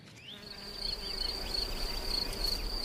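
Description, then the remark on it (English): Bees buzz in a steady, high-pitched insect drone that holds throughout, with faint chirps flickering over a soft low rumble. No voices are heard. “But not all bees favor wooden homes.”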